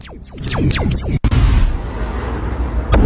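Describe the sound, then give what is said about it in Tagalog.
Several falling whistling tones sweep downward, then a sharp, loud blast erupts into a sustained, roaring rumble of explosions with scattered bursts at an ammunition factory's powder pressing department in Colifero near Rome, Italy, overwhelming, with no voices. “Sa Italy, isang pagsabog ang nakuhanan sa isang ammunition factory sa Colifero malapit sa siyudad ng Rome.”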